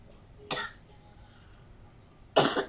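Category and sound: human body sound, cough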